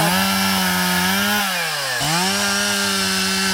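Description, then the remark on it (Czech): A chainsaw runs loudly and steadily as volunteers with the Hnutí Duha movement cut pieces of wood in a forest to build small dams, its engine pitch sagging as it bites into wood around the middle, then climbing back up as the cut finishes. No one speaks. “Nejprve si tady dobrovolníci nařezají kusy dřeva, pak se chopí lopat a krumpáčů a v jedné z prohlubní v lese začínají vykopávat strouhu.”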